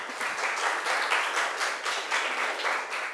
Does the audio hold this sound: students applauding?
yes